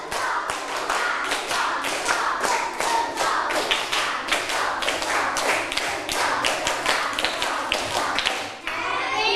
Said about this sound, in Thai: ถ้าพร้อมแล้วปรบมือ5ครั้งตื่นเลยตบมือแล้วต้องมีเสียงด้วย1 2 3ปรบมือ5ครั้งปรบมือ1ชุด